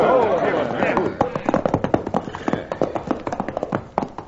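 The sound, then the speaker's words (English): Several ridden horses' hooves clop in a quick, uneven patter that gradually thins and slows toward a halt, fairly loud, with a raised voice calling out briefly at the start. “We're running these horses to death and getting no place.”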